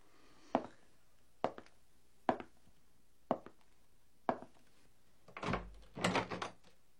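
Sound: door being opened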